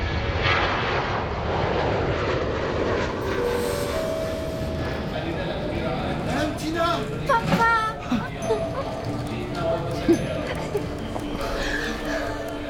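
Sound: airplane flying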